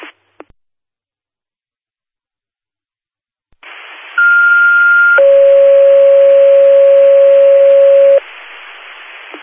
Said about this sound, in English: Attention, Linda Fire. General tones for a medical aid, 1403 Eagle Lane for difficulty breathing.